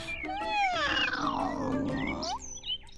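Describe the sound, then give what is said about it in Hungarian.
A voice imitates a cat with one long, drawn-out meow, its pitch sliding down and then curling up, sounding sly and taunting, loud, followed by a brief quiet tail. “Majd nyávogott egyet hosszan és gúnyosan. Tudjátok, így.”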